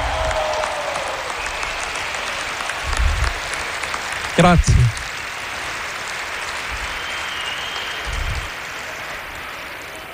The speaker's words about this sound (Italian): Gli applausi più forti devono essere per Gesù Cristo. Siamo tutti discepoli di Gesù. Applausi.